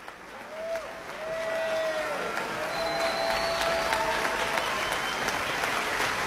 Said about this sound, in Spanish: Es seria ya la ovación del público reunido el día de hoy para la Orquesta Sinfónica de Xalapa y el maestro Iván López Reynoso.